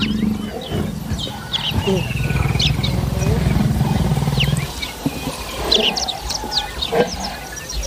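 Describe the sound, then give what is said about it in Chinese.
A lion from a pride active along the river lets out a deep, rumbling roar that rolls on for several seconds before breaking off, while birds chirp and twitter sporadically in the background. “姆巴利一路都要小心，因为狮群也在河边活动。”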